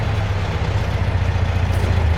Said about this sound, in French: Ah, voilà une auto qui arrive. C'est pas notre homme, la voiture est pas noire.